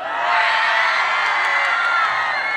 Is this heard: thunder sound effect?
no